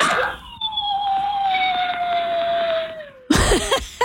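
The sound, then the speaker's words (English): Fred, a big two-year-old dog thought to be a Pyrenees crossed with a retriever and a little husky, howls while his owners are away at work: one long, mournful howl that holds a steady pitch and slowly slides lower for about three seconds, then breaks off into a brief, noisy burst. “Oh no, that is an actual video sound of our dog who sometimes hasn't learned how to separate from us when we're at work.”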